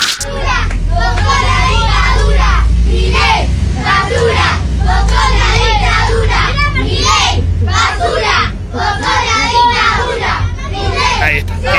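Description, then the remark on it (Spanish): A large group of children about seven years old loudly chant a political song against Milei in unison ('Milei, basura, vos sos la dictadura'). Their voices are rhythmic with steady syllable pulses and continue throughout against a low background rumble. “Nenes de 7 años cantando Milei, basura, vos sos la dictadura.”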